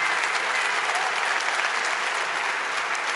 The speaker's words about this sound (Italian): Grande applauso al professor Galbraith. Thank you.